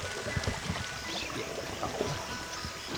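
Steady rushing of a small river swollen by summer rains, between a research station and its field base, fills the scene, with scattered low splashes and knocks as people cross by kayak through the current, no voices.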